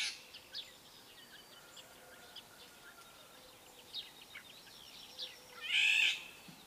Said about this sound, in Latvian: Un tad vēl vālodzē ir arī nesmukā balss, tāds aizsmacis brēciens. Un latviešu tautas ticējumu liecina, ka ja vālodzes vilpo, tad dzied skaisti, tad gaidāms jauks laiks, bet kad tā ķērts un ņaudi, tad gaidāms negaiss.